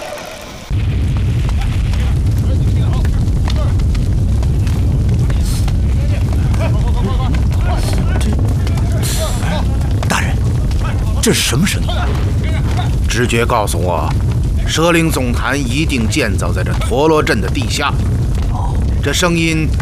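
A heavy, deep rumble of a mechanism being triggered kicks in abruptly after a second of quiet and roars on without letup, loud and booming, with crackling bursts and some wavering voice-like tones surfacing late.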